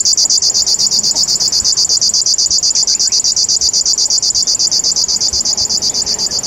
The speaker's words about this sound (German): Und ab und an in seiner westlichen Verbreitungsgrenze hier der Schlagschwirl, der dann so ein bisschen so ein Nähmaschinengeräusch hat.